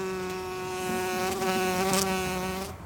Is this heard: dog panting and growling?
no